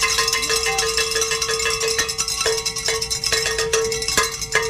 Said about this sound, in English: We get to celebrate. That's what that means. Let's ring some bells.